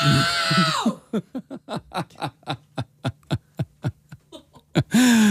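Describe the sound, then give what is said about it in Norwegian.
A woman gives a loud, strained shout of "No!" in a decibel world record attempt, filling the opening second, followed by a quick run of short breathy snickers, before another loud shout breaks in at the very end. “Det er bare å trekke pusten og rope ut.”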